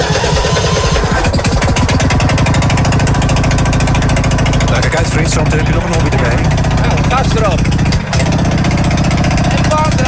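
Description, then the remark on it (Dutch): A loud, rough car engine runs after being cranked to start, idling with a rapid, steady knocking rhythm as it warms up, while voices talk faintly beneath the clatter. “Eerst warm draaien, dat is jammer, dat is jammer. Dat is wel belangrijk voor de motor, hè?”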